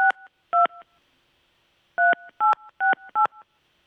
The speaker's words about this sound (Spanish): Le vamos a marcar